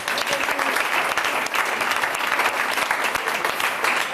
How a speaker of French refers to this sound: Ça fait deux fois que monsieur répond à un bonus cette semaine. On peut l'applaudir. Bravo.